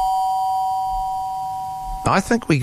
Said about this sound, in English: Anyway, the doorbell, here we go. So it'll be like, that's the role play for the opening the door.